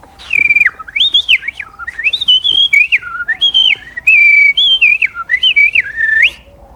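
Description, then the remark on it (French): A common blackbird sings at dusk from the tip of a roof, a continuous, fluty song of warbling whistled phrases that rise and fall in pitch, clear, with no voices or other sounds. “Ah oui, il y a un merle d'ailleurs.”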